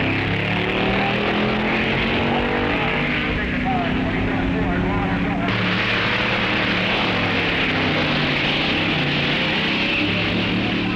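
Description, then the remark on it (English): Loud, continuous engine roar from race cars of all classes making test runs in time trials at a race meet, crews making run after run to tune their cars, the pitch rising and falling as they rev and shift, with a steady wash of noise throughout and a jump in intensity midway. “The track is in continuous use by contestants, making test runs in time trials.”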